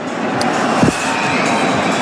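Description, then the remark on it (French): A large stadium crowd of ultras in the south stand keeps up a steady, loud roar of whistling in disapproval as the players cross the pitch toward them. The dense jeering din holds without a break for the full two seconds. “Ouais, ce sont plutôt, vous les entendez, plutôt des sifflets.”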